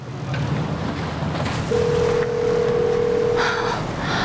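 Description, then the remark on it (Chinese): A phone call's ringing tone: one steady, fairly loud two-second beep over a constant windy, rushing background, with no one picking up. “那电话是拿来当砖头用的吗？ 端，你能不能接个电话？”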